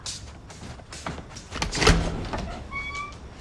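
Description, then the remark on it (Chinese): A home's door being opened late at night for a delivery person: a few soft clicks and rattles lead to a solid thunk midway, followed by faint squeaky tones as it swings. “开门开门。”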